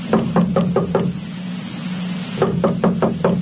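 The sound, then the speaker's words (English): Someone knocks on the door of a house in two quick rounds of about five firm raps each, separated by a short pause, over a low steady hum. “I'm not answering the door.”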